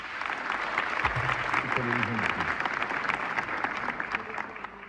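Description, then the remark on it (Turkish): Sustained applause from a concert audience welcoming a choir of saz musicians conducted by Zafer Gündoğdu, a dense steady patter of many hands clapping throughout, with faint voices murmuring underneath. “Saz sanatçıları koromuzu oluşturuyor ve alkışlarla huzurunuza gelecek Zafer Gündoğdu yönetiyor.”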